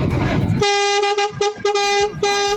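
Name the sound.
car horn honking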